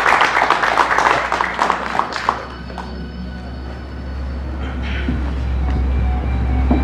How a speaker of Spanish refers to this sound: La recibimos con un fuerte y cordial aplauso.